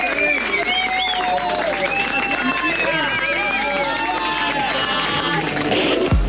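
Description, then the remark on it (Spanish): Loud, steady audience applause fills the whole stretch, dense clapping mixed with voices calling out and cheering over it, ending with a sudden low thump. “Un aplauso fuerte para”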